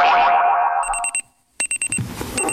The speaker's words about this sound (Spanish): El despertador.